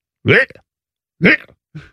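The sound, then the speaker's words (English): A person imitates a cat retching and projectile vomiting: two loud, harsh gagging heaves about a second apart, followed by a fainter third one, with no words spoken. “And I'm not talking about a little bit of cat yak. I'm talking about the most throw up I've ever seen from any animal.”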